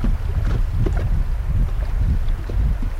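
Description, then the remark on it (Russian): Steady rushing river water around a floating wooden Goral raft on the Dunajec River during a 10-kilometre rafting trip, with a dense low rumble, soft splashes and gusts of wind buffeting the microphone; no voices. “Приветствую вас на нашем горалском плоту на реке Дунаец.”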